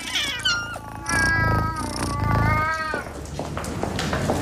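A cat meows loudly in a long, drawn-out, wavering cry that rises and falls, with a shorter meow before it, and no talking.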